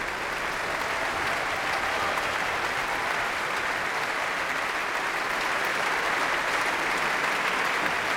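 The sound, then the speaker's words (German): Sustained applause from a large audience at the Berliner Philharmonie for the Deutsches Symphonie-Orchester Berlin, conducted by Eva Ollikainen, and its instrumental sections fills the whole stretch, a dense, steady wash of clapping at an even level with no voices standing out. “Während hier noch weiter applaudiert wird für das Orchester und die einzelnen Instrumentalgruppen, darf ich mich nach diesem programmatisch starken Abend in der Berliner Philharmonie verabschieden für heute.”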